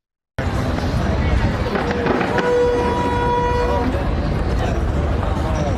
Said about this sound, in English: in New York during the city's 4th of July fireworks celebration